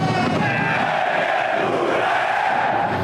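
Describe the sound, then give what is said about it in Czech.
A football stadium crowd at a Slavia Prague home match roars steadily throughout, a dense, loud wash of many voices chanting and shouting with no pauses and no single voice standing out. “Na Slávii byla vždycky atmosféra bouřící.”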